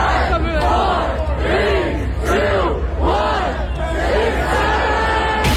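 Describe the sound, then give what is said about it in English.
A large crowd of adults in Washington Square Park shouts in unison outdoors, chanting a countdown "5, 4, 3, 2, 1, 6, 7" in loud, rhythmic bursts about once a second over a constant roar of many voices. “A crowd of people gathered to say 6-7.”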